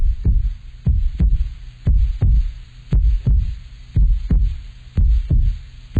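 A loud heartbeat sound effect thumps steadily in deep paired beats, lub-dub repeating about once a second for several seconds, with no voices over it.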